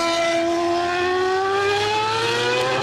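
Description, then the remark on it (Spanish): Formula 1 race car engines at the Madrid Grand Prix at IFEMA, exceeding 100 decibels and heard by Barajas residents from their homes and balconies, scream at a high, steady pitch that climbs gradually as they rev, a loud continuous whine with no voices. “Estos son los motores que tendrán que escuchar durante horas desde sus casas y balcones los vecinos de Barajas, ruidos que superan los 100 decibelios y que describen como algo inaguantable.”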